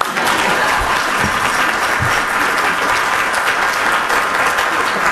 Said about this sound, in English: That's when everybody clap.